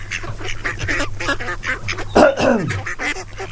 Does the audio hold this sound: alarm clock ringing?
no